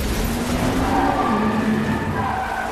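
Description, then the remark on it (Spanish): A loud, continuous burst of vehicle noise: engines roaring with tires skidding and squealing as Taskmaster drives an armored car through an alley in a frantic chase, breaking scaffolding and railings, steady for the whole few seconds, with no voices. “Taskmaster, con la máscara de acero, conduce el auto blindado por un callejón. Rompe andamios y barandillas.”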